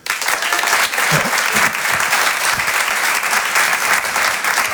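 A crowd applauds steadily, a dense wash of clapping hands that stays loud and even from start to finish, with faint voices mixed in underneath.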